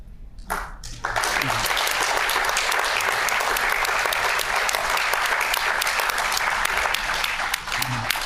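A burst of spontaneous audience applause breaks out after a brief pause and holds steady, a dense, even wash of many hands clapping that continues loudly for several seconds before easing slightly at the end.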